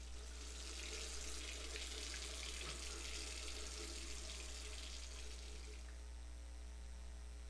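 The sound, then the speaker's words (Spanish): A tap runs steadily with a broad, hissing rush of water over a low electrical hum, then the flow cuts off near the end, leaving only the hum. “Cerrá la llave mientras te cepillas los dientes o lavas los platos.”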